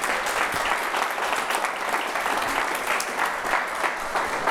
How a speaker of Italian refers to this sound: Un bel applauso, grazie davvero, grazie.